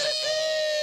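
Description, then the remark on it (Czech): A person's voice imitates a rooster crowing, a single loud, high, sustained note held steadily for just under a second with no other sounds around it. “No tak teď kokrhá kocour a prasátko.”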